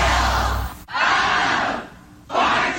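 A crowd roars and cheers in loud, hissy waves, swelling, fading briefly, then surging again. No one speaks over it.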